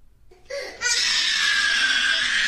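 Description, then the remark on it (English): A child's shrill, piercing scream erupts after a brief whimpering start and holds loud at full intensity, a continuous tantrum wail with no pause and no talking. “I apologize for the trauma, though, that screaming is probably causing lots of young parents.”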